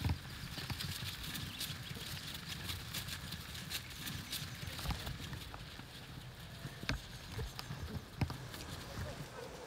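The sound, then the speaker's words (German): A herd of cattle, led by an old cow and being driven toward a livestock trailer, thunders past running wildly. Hooves drum in a dense, continuous rumble with scattered sharper thuds, steady over ambient outdoor noise. “Ne, alleine schon mal hier, und die rennen da, ne, so ein bisschen wild durch die Gegend gerade hier.”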